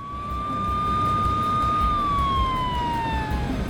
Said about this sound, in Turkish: Sağlık görevlilerini aradınız mı? Ambulans geliyor.